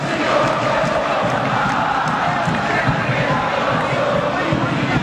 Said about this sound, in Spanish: Alegría paraguaya, explotó el júbilo del público de Olimpia a Chinelli. Sí, señor, un gol Sandoval, alegría y carnaval frágil en la grada de San Enrique. Escuchen ustedes.